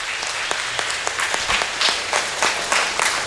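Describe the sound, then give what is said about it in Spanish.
A church audience breaks into steady applause for two people just prayed for, a man and a child, many hands clapping together in a dense, sustained patter with a few sharper individual claps standing out, no voices over it. “Démosle un aplauso a ellos dos.”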